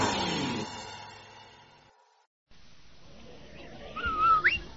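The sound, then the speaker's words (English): The short two-note Rinso soap advertising whistle jingle of The Amos and Andy Show radio program sounds near the end, bright and fairly loud over a faint hiss, after a fading ringing tone and a brief moment of silence. “Did you hear that whistle?”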